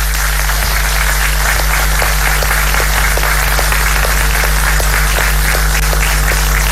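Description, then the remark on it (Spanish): Steady audience applause for the workers of the regional government of Valparaíso, many hands clapping together in a dense, even patter, some sharper claps standing out at regular intervals, fairly loud throughout with no talking. “Y por eso también quiero darle las gracias a todos los trabajadores y trabajadoras del gobierno regional de Valparaíso, para quienes pido un cariñoso aplauso también.”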